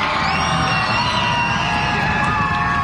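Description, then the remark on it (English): A loud, steady roar of a stadium crowd at Delta Dental Stadium in New Hampshire, prompted to get loud in the bottom of the 8th inning of a baseball game, with overlapping yells and whoops forming a dense wash of noise that holds throughout without a break. “Prompting the crowd to get loud here at Delta Dental Stadium.”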